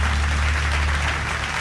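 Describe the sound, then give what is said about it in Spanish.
An audience gives a standing ovation for the 2025 Titán Caracol honoree, a dense wash of many hands clapping at an even, fairly loud level throughout, with a low hum underneath and no voices. “Y aplausos.”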